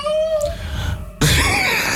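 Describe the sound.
A voice imitates a house cat and the neighbour's tomcat with a drawn-out, wavering meow that fades, then bursts into a loud, harsh, raspy yowl like an angry cat hissing, forceful.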